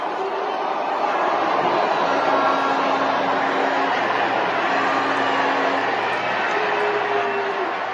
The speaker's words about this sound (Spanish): Ahí la están abucheando. La están abucheando. Es un abucheo grande, ¿eh?